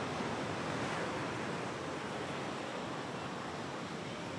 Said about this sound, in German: Und dann kommt, wie jedes Mal völlig überraschend, das Wasser zurück. Wer zu Fuß da ist, kann es gelassen nehmen.